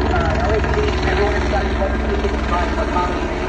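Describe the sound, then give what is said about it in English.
Loud, steady helicopter rotor chop fills the whole recording, with a distorted, unintelligible loudspeaker voice from the helicopter telling everyone to go inside, buried beneath the thumping blades. “It sounds like he's holding the mic up to the blade to the chopper instead of to his mouth.”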